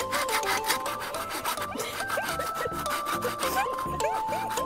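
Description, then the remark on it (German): A saw cuts through wood in quick, steady back-and-forth strokes, fairly loud, with a faint metallic ringing from the blade and no voices, used outdoors in the Eifel during roofing work. “Die professionellste Säge, die wir haben, kann sich auch nur um Stunden handeln.”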